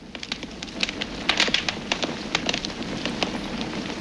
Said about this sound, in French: Alors, ça craque, ça fait plein de toutes petites explosions. Ça serait pas, tu sais, celui qui dévore les bûches dans les cheminées.